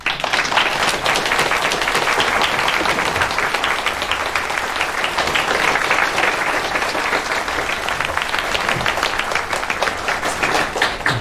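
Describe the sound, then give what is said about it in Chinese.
Warm, sustained applause from the staff at a hospital's morning meeting, welcoming a returning department director; dense overlapping claps hold steady at a fairly loud level for the whole stretch, with no one speaking over it. “今天早会的最后，让我们以热烈的掌声欢迎”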